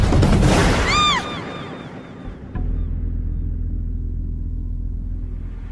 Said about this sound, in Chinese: 一声恐怖的枪声打破了夜的死寂，就像是在无边的夜幕中划出了一道正在滴血的伤口。